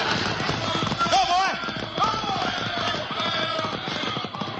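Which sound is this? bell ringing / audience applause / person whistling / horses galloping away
horses galloping away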